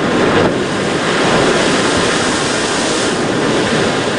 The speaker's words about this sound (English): Hurricane Simon is lashing Mexico's Pacific coast with heavy winds and rain.